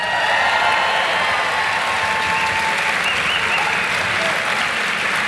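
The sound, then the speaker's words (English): Loud, sustained applause from a large audience welcoming the first panel of guests, dense clapping filling the space steadily for several seconds with a faint hint of cheering underneath. “could you please put a massive round of applause together for TJ Kilcannon, Dermot Flanagan, and James Nallon”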